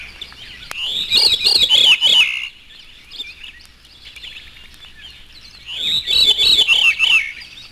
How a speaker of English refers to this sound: Both the transition and the theme itself are from the call of the veery, also known as Wilson's thrush. This is the veery, his natural call.